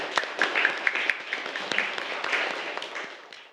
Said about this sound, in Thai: ปรบมือเพื่อนค่ะ